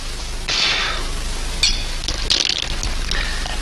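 Glasses clink together in a toast, a handful of bright, ringing taps spread irregularly over a few seconds against a steady low background hum, with no one speaking.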